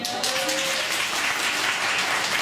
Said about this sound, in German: Wer leidet hier so ein bisschen unter Winterdepression? Mit einem Applaus.